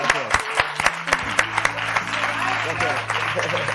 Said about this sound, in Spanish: ¡Un aplauso fuerte para